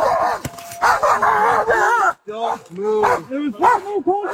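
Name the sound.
dog barking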